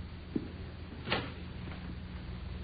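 A short metallic click as a lock turns and a door is unlocked, then a brief rattling clunk about a second later as the door opens, over a steady low hum with no voices.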